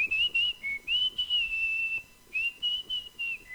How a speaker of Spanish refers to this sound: Las canciones de la música popular también se silban.